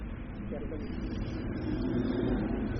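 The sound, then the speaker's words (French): Steady low rumble of a few cars moving along Boulevard Saint-Germain, a continuous wash of traffic that swells slightly toward the end, with a faint murmur of voices underneath. “Quelques voitures, assez peu.”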